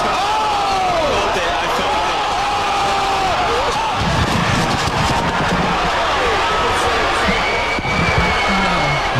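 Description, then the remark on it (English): A loud, continuous roar of a crowd cheering at a celebrity boxing event put on by streamer Aiden Ross, during Ray J's fight against Super Hot Fire, with whoops and shouted voices rising over the din and occasional sharp thuds. “This is kind of what it sounded like in the ring.”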